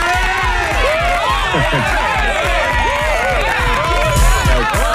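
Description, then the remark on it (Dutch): A dense crowd roars and cheers continuously, with many overlapping voices whooping and shouting, loud and sustained throughout without pause. “Ik krijg nooit zo'n applaus.”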